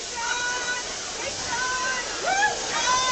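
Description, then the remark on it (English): A steady, dense hiss of heavy rain pours down without a break as a group of politicians march, with faint voices rising and falling beneath the downpour. “Hard to get everybody doing the same step in the pouring rain.”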